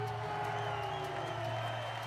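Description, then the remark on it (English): A large crowd in Mumbai cheers and applauds at an outdoor soapbox race, a dense, steady roar of clapping and voices filling the whole moment, with a low hum underneath. “The crowd here in Mumbai enjoying the performance.”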